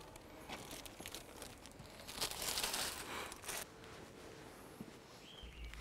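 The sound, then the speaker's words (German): Soft crinkling and rustling of a plastic bag lying beside a public trash bin, irregular crackly bursts that swell in the middle, then fade to quieter scattered rustles. No voices. “Eine Plastiktüte neben einem öffentlichen Mülleimer.”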